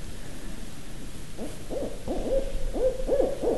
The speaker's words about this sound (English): And it's not going to stop because it thinks there's another owl here. Light on it. They're caterwauling now. We got two of them.